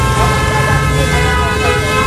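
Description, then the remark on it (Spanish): Dense, loud traffic noise with steady blaring horns and sirens layered over rumbling engines, a continuous wall of congested street sound with no pauses. “Esto suena a colapso total de tráfico.”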